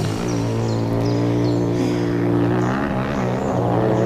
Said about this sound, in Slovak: Toto je pre Boha čo? To frasa. Kde sa tu berú motorky? Hej, vy tam! Čo je to tu? Motocyklová rally?